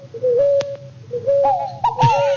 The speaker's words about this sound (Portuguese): eu quero saber que passarinho é esse que tá cantando aí, ó. Ó, escuta, escuta. Vamos escutar, ó, ó.